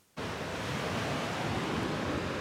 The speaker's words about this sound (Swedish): Ja, även om vinden har lagt sig så är det fortfarande vågor kvar. Det är en sån här gammal sjö, och här på stranden Fria Bad i Helsingborg så sköljer vågorna upp och de sköljer med sig tång.